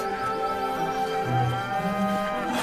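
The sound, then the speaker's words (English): A pedigree cow moos in one long, sustained, steady call that fills the whole moment, fairly loud, with rich harmonic tone and a low rumbling undertone. “You know, a cow like this doesn't come cheap”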